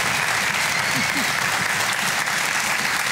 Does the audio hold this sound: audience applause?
yes